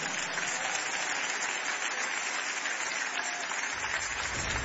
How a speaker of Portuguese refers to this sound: Vamos dar mais uma salva de palmas para Jesus aí?